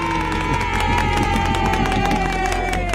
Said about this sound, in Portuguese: Ah, não ganharam o lanche, eu quero mais animação nos aplausos. Isso aí.